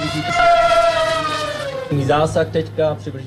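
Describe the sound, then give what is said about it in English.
Military drones demonstrated on a media day of the Czech military's international exercise Drone Shield 2026 give off a loud, steady, high-pitched buzzing whine whose pitch slowly sinks over about two seconds, then people begin talking over the continuing hum. “The sound of drones demonstrated at Drone Shield 2026 on Tuesday, a day that the military event was open to the media.”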